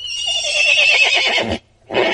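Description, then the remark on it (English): A horse lets out a loud whinny lasting about a second and a half, its shrill quavering call breaking off abruptly, followed after a brief pause by a short snorting burst. “And here's a horse.”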